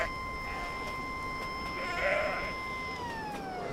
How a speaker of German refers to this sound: Die sind hier jeden Tag, fressen Gras. Wenn sie die Sirene hören, wissen die genau, wer kommt. und machen Platz.